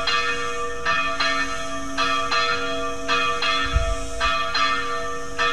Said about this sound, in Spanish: Ya son las 7:18. Hoy ya están repicando las campanas.